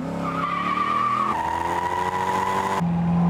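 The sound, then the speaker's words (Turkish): A sports car fitted with light wheels and a stiffer front anti-roll bar brakes hard into a corner, tires squealing in a loud, sustained high whine over the steady drone of the engine, ending with a lower tonal hum. “Fren fren fren fren fren fren.”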